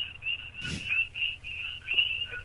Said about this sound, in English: I'm in the forest. That's why you hear the frogs.